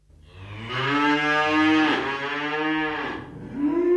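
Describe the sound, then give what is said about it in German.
Dairy cows moo loudly in a barn holding 120 cows on a family dairy farm in Pegnitz, Upper Franconia, one long drawn-out low call followed by another starting near the end, with a faint hum of barn activity underneath. “Ein ganzer Stall voller Klimaprobleme. 120 methanrülpsende Kühe lässt Milchbauer Stefan Büttner von zwei Robotern melken.”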